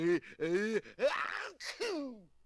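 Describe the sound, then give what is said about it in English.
An exaggerated sneeze from a cartoon hunting dog: a few loud, drawn-out voiced gasps build up, then a sharp hissing burst followed by a falling vocal tail. It sounds like a cartoonish, vocalized sneeze. “Gesundheit.”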